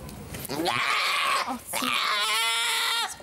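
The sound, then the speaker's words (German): A goat screams loudly in two long, harsh, wavering bleats during a blood draw with a small needle prick, the second bleat stretched out and quivering, with a short pause between them. “Kleiner Stich, ein Riesengeschrei.”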